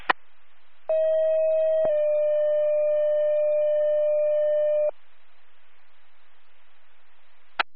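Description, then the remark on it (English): Two-tone fire dispatch page over radio static, the second tones for Donsville Fire from Delaware 911, for a structure fire on Corbett Road, Colchester: a steady mid-pitched tone holds about a second, then shifts to a slightly lower tone held for three seconds, framed by squelch clicks and hiss. “Donsville Fire, second tones.”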